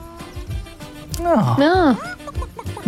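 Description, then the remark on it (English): Chickens clucking, with a steady run of low, short clucks and one drawn-out, wavering squawk rising and falling in pitch partway through. “Hello, chickens. Welcome to the show.”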